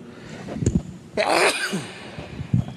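A single forceful sneeze bursts out, preceded by a quick sharp intake of breath, then fades into quiet with a faint breathy sound afterward.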